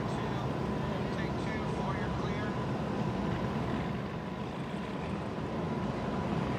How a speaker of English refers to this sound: What a great looking boat too, man. Yeah. It's got good classic lines too. Just cackling out there.